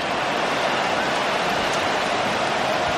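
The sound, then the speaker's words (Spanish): A dense, continuous hiss of hail pelting down on a football stadium (the Bernabéu) during a match, across a wide open area, steady and fairly loud for the whole stretch, with no distinct individual impacts and no one talking. “El granizo, lo que está cayendo en estos momentos.”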